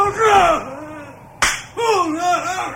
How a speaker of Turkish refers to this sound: Bu tadını unuttuğun Osmanlı tokadıdır.